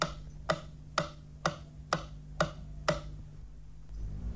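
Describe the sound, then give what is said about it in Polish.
A stereo test signal on the right channel, from a Polish Radio Program One (Warsaw) stereo receiver test checking channel direction: six sharp, evenly spaced clicks about half a second apart, ticking like a metronome over a faint steady low hum, then stopping. “Dla sprawdzenia zgodności kierunków podane zostaną sygnały testowe kolejno na lewy i prawy kanał.”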